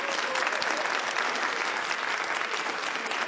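Steady, dense applause from a studio audience at 774 ABC Melbourne radio for a singer, a continuous crackle of many hands clapping at an even, fairly loud level with no voices standing out.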